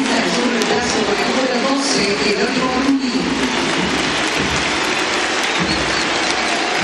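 A huge stadium crowd stands, applauds and cheers as Dibu Martínez leaves the field during a football match, a dense, steady roar of clapping that holds loud and even for the whole stretch, with a few sharper swells of noise.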